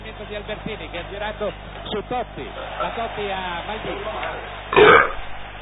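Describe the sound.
A long, drawn-out voiced burp wobbles in pitch, then ends in a loud, harsh belch burst near the end, close to the microphone, over a faint steady background hum.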